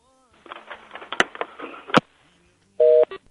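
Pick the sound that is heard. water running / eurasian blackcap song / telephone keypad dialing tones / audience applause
telephone keypad dialing tones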